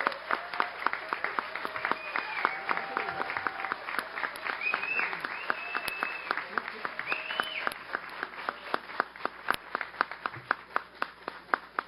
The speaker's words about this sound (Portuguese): E, pessoal, uma salva de palmas ao deputado Rafael Saraiva.